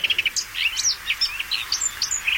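A marsh warbler sings a rapid, varied stream of high chirps, whistles and trills, with quick repeated notes and shifting pitch and no pauses, heard alone with no talking.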